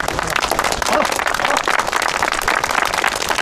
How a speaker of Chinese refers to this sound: 哎呦，新同志，自告奋勇，鼓掌。